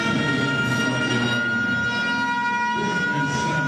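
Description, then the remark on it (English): A loud stadium siren blares continuously during a UAB versus Illinois football game, a steady, droning tone with stacked harmonics that holds at full volume for several seconds over a rumbling crowd-like background, with no one speaking. “And that is one loud siren, let me tell you.”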